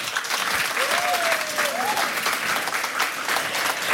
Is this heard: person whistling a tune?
no